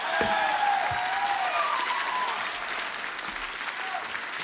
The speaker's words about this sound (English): I need a bigger applause than that tonight, Tampere.